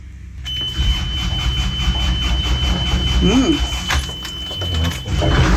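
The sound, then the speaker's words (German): A boat's diesel engine, started with the throttle in idle after a brief glow-plug preheat, turns over and catches, settling into a loud, steady low rumble, then left at about 1200 rpm to warm up, while a thin, high warning beep sounds continuously above it; a brief voice cuts in midway. “Und dann schieben wir den Gashebel erstmal im Leerlauf nach vorne. Starten den Motor, ein bisschen auf Vorglühen.”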